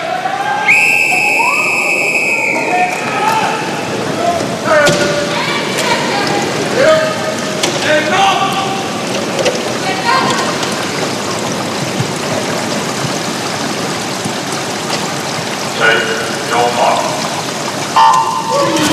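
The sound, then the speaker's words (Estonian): A sharp whistle tone near the start, then women swimmers dive into pool water at the start of a 50-metre para freestyle final, followed by steady churning and splashing under a noisy, echoing crowd with voices talking throughout. “Ajalugu on tehtud, naised on vette hüpanud 50 meetri vabalt distantsi.”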